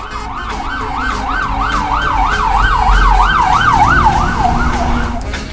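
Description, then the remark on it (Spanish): An ambulance siren wails in a fast, steady up-and-down sweep, loud, with a low rumble of traffic underneath throughout. “Aguarda con la ambulancia, espérate.”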